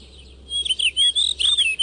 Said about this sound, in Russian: Вот, и дошли мы с вами, ребята, до поющих попугаев. Почему они поющие?